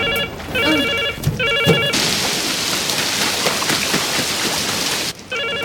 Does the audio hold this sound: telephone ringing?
yes